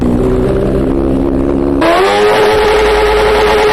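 A loud motorcycle engine with an illegally modified exhaust idles with a steady throbbing rumble, then the throttle is twisted and it revs up to a higher, harsher, sustained roar as it is tested with a professional decibel meter; the motorcycle's tyres are also modified. It measured 91.1 dB at idle and up to 114.9 dB.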